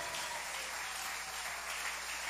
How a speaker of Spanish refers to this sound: Si ese aplauso es para él, ¿qué tal?